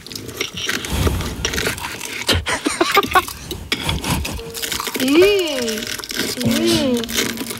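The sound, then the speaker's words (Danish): Crackly crunching of crispy spring rolls made by children, a run of sharp, irregular crunches, joined midway by music with swooping, sliding tones. “Det var altså forårsruller.”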